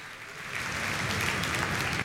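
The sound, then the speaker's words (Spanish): A crowd at a folklore music concert bursts into steady, dense applause and shouting that builds quickly and holds at full strength, a wash of many hands clapping with faint shouts mixed in, no one speaking over it. “Fuerte el aplauso nuevamente y el grito.”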